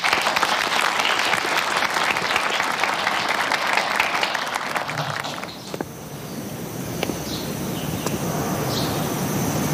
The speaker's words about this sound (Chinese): 同学们，咱们县委、县政府非常重视今年的高考，特地请县教育局马股长到咱们高考重点班做考前动员，大家鼓掌欢迎。